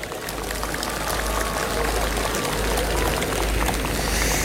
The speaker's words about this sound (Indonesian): Dan tentu mengucapkan selamat untuk Provinsi Kalimantan Timur yang menjadi juara umum MTQ Nasional ke-31 tahun 2026. Tepuk tangan Pak Rudi Mas'ud. Yang hari ini kafilah dari Kaltim menjadi juara umum. Tepuk tangan.